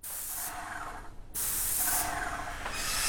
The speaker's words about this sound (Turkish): Aha. Başlıyoruz. Denemek için biraz spreyleyeceğim.